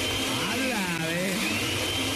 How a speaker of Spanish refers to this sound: Aquí estaba en la casa, a ver, para saber que estaba en la casa, prende la licuadora.